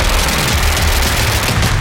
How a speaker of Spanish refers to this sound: ¿Se escuchan los tiros de noche? ¿Se escucha? Metralleta, no sabe.